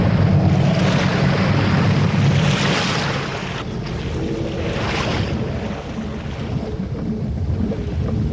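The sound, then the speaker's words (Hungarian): Loud, continuous roar of a storm's wind over crashing sea waves around a ship, with deep rumbling low end and surging bursts of spray, relentless with no voices. “Kitört a vihar! Menjék sír a fedélzetre!”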